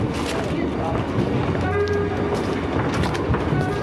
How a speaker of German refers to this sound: Früher Abend, Bahnhof Euston im Nordwesten Londons, der die Stadt mit Reisenden aus ganz England verbindet.